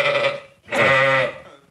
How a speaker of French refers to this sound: Mais je peux vous dire que lui aussi, on entend la différence quand il bêle. Tenez, ça, c'était mon mouton avant.